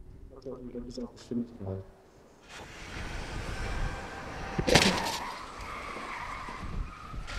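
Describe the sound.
A man talks briefly, then a truck travelling at 64 km/h roars in and slams into a barrier made of a car, in a crash test on a company site in Münster, Germany, with one loud, sharp crash, followed by continued rumbling and scraping noise.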